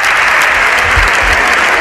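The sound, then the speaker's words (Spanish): Dense, sustained applause from Partido Popular deputies during a parliamentary plenary session, some on their feet cheering deputy Ana Belén Vázquez: a steady wash of many hands clapping at once with no gaps, loud and even throughout, with no voices standing out. “Los aplausos son los aplausos de los diputados del Partido Popular”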